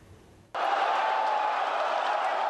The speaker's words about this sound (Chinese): 球迷的欢呼声，穿上球衣的爱宠狗狗，430寸大电视。